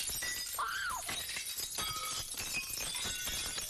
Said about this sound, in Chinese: 最后爱丽丝再次张开手，在空中抓了一把，这一次她听到了两声细细的尖叫和更多的打碎玻璃的声音。